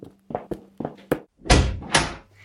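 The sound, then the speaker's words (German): A door being opened to let in an arriving guest: a quick run of clicks and rattles from the latch, then two heavier, louder thuds as the door swings and bumps, with no talking. “Ich gehe und öffne die Tür.”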